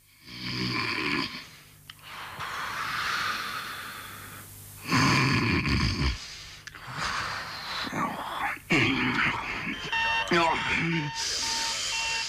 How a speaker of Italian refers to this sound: Oh, cazzo, ma che la sveglia? Ma come so? E sei in mezza? Ma affanculo, sveglia de merda!